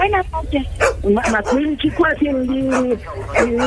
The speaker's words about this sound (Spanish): Habla con la señora del perrito aquí, déjale cerca el perrito aquí.